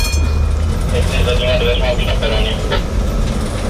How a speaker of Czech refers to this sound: Vlakotramvaj vyjela na krátkou zkušební jízdu do nedaleké Libáně.